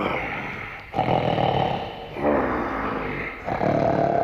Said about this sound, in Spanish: Tan pronto hubo saciado su apetito, se acostó de nuevo y quedándose dormido empezó a roncar ruidosamente.